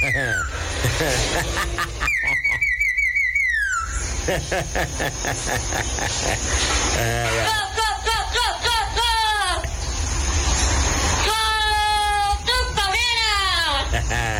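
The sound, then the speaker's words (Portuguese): A talking parakeet on the Rádio Amor program whistles and chatters in bursts of rising and falling high-pitched notes, with rapid squeaky trills between them, over a steady low background hiss. “Agora, corintianismo, uma periquitinha falante, agora ficou bonito o programa.”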